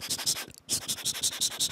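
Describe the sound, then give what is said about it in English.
Pencil scratching across paper in quick, rhythmic strokes, with a brief pause partway through before the steady scribbling resumes. No voices. “So what I can think of firstly is like the writing sounds, like using pencil on like paper.”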